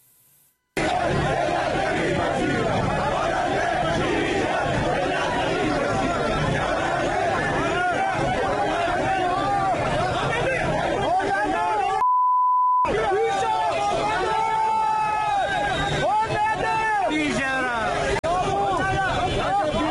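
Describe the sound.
A dense crowd of protesters outside the Ministry of Industry, Mine and Trade building in Tehran, Iran, chatters and shouts, voices overlapping continuously, broken midway by a brief electronic beep and a short gap before the loud babble resumes.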